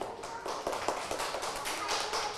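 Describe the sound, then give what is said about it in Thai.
A group of children clapping together for the second group in a steady burst of applause, a dense crackle of many quick, overlapping claps that holds at a fairly even level for a couple of seconds. “เด็กๆประมือให้กลุ่มที่สองค่ะประมือให้กลุ่มที่สอง”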